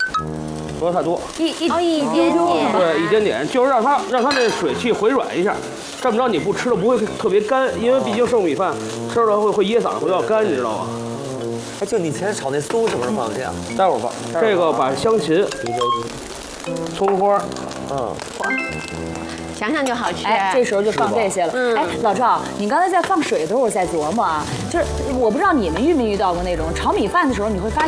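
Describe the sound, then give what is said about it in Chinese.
Leftover rice sizzles and crackles steadily as it is dry-fried in a hot wok, nearly done before a little water is added, a continuous hissing texture running beneath two people chatting for the whole clip. “炒米饭主要吃的是个利落劲儿。 这个时候基本差不多了， 就可以。 我们加点水。”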